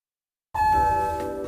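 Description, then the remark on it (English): An arrival chime of the newly repaired elevator at Radio 1190 rings out after a moment of silence: one bright, bell-like tone that strikes suddenly and hangs in the air, slowly fading, with no voices. “I see you've decided to take our newly repaired elevator.”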